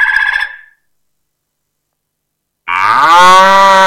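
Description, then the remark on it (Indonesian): A cow moos loudly, a short call first, then a pause of silence before a longer, drawn-out moo rising and holding to the end. “Hewan itu adalah sapi.”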